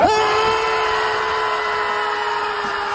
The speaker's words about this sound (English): That is one way to let your frustrations out. Just scream it out, right?